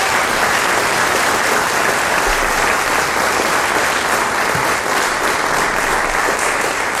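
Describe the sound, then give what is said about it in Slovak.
Sustained, steady applause from a large audience for a group of children who had sung, dense and loud throughout the whole clip, with no voices standing out above the clapping. “Jeden veľký potlesk ešte pre nich, prosím.”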